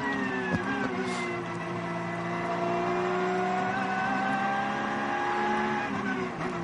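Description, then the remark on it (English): The leading car in a motor race goes by, its engine whining loudly and steadily, the buzzing harmonic tone climbing slightly in pitch over several seconds, with no voices. “That's the leading car just gone for that.”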